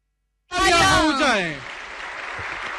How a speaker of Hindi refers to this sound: देवियों और सज्जनों तालियों की गड़गड़ाहट रुकनी नहीं चाहिए